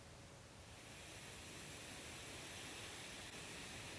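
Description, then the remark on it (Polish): A steady, moderate breeze of 20 to 28 km per hour rushes continuously with a broad, even hiss and low rumble, holding a constant level throughout with no gusts or voices. “Zaznaczone. Umiarkowany wietrzyk.”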